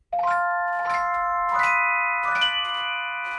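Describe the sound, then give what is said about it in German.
A celesta, a kind of glockenspiel combined with a small upright piano, played by a Radio Symphony Orchestra musician, plays a slow, gentle phrase of about four bell-like notes, each chiming clearly in a bright mid-high register and ringing on to overlap the next, with no voices. “Das ist eine Art Glockenspiel, schaut aber aus wie ein Mini-Pianino.”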